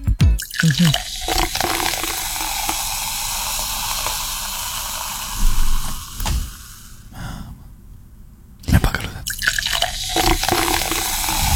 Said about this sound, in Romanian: Următorul, penultimul, sunetul sucului cu acid turnat în pahar.